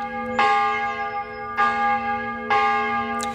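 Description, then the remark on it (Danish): A church bell tolls loudly and steadily, three or four strikes about a second apart, each ringing out with a long shimmering hum that overlaps the next. No voices. “Hvis man i gamle dage vågnede op midt om natten ved, at kirkeklokkerne ringede, så var det tid at vælte ud af sengen og komme afsted, fordi i gamle dage, der betød den her ringen om natten ofte, at der var far på færde.”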